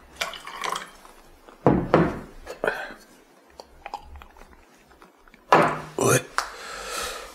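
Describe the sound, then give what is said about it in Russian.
Valerian tincture drops fall one after another into a small glass, about 40 drops counted out, a series of quick, soft ticks, with some louder bursts and faint voices. “Это валерьянка, да? Да. Сколько капель? Капель 40.”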